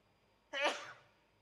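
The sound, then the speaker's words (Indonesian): A single sudden sneeze from the speaker giving an Islamic religious talk bursts out, sharp and forceful, then trails off quickly with no talking. “Ana bersin itu bukan karena keinginan ana.”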